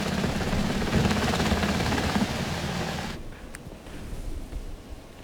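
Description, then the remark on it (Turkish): A military helicopter on a rescue mission over steep, rocky terrain roars with a dense, steady rotor drone and low rumble, then the loud engine noise cuts away after about three seconds, leaving a quieter, muffled mechanical hum. “Bölgenin sarp ve kayalık olması nedeniyle askeri helikopter desteği istendi.”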